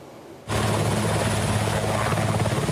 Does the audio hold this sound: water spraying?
no